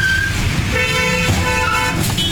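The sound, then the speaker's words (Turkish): Busy highway traffic in India, where a runaway bull going the wrong way collided head-on with a car; car horns honk loudly over a steady engine and road rumble, several overlapping toots. “Otobanda gezen kaçak boğa ters yöne girip bir arabayla kafa kafaya çarpıştı.”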